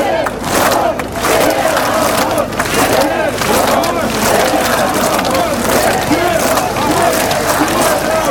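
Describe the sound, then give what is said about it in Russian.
A large crowd at a street rally and picket campaigning for candidate Sviatlana Tsikhanouskaya of Belarus shouts and chants together, a loud, dense wall of voices that keeps going steadily with rising bursts of cheering throughout. “Добрый вечер, но сегодня у нас здесь митинг, пикет, посвященный агитации за нашего замечательного кандидата, единственного кандидата Беларуси, Светлану Тихановскую.”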